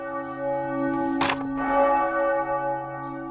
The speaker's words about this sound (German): Sonntagvormittag in Schellenberg, einer 1.000-Einwohner-Gemeinde im Norden des Fürstentums Liechtenstein. Die Glocke lässt den ganzen Ort wissen, in der Pfarrkirche Unbeflecktes Herz Maria wird gerade Eucharistie gefeiert.